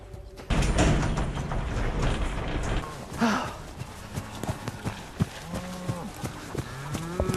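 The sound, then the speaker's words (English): Cows that have got out moo loudly, several long low calls overlapping, with hooves clopping and shuffling on hard ground and some rustling farmyard noise throughout. “Hello, the cows are out.”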